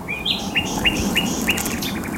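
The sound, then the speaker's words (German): Birds call outdoors at the Helmstausee reservoir, at the start of a 24-hour birdwatching marathon: a series of five or six bright, high chirps repeat at a steady pace over a constant low, rushing background hum, with no one speaking. “Ja, so klang es, als wir am Samstag einen Marathon des Vogelhörens und Guckens starteten.”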